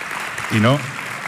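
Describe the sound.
Steady audience applause for a guest at a live public event with a music band on stage fills the whole clip as a dense, even wash of clapping, with a brief voiced shout rising over it near the middle.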